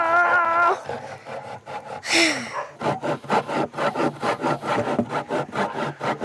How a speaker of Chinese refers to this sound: 我从来都没有用过锯子，根本不会用。 可以吗？来。 这个好难锯啊！